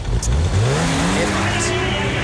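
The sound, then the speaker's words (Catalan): A Guardia Civil car engine roars, its pitch climbing steadily as it accelerates, loud and continuous for a couple of seconds with a broad rushing noise around it. “Això no és un tractor, eh? No. Més guàrdies civils,”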